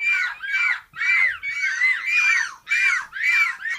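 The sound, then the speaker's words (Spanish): A rapid series of about eight loud, shrill, wavering gull-like cries, each short and harmonic-rich, repeating in quick succession; people are imitating seagull calls with their voices. “Son gaviotas o niños encerrados en un parque.”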